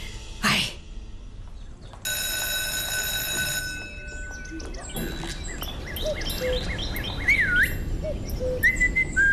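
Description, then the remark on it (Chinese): Someone whistles a series of high, bird-like chirps and warbling trills, imitating birdsong, clear over a low, noisy background hum, during a school class. “不许吹口哨，破坏纪律。”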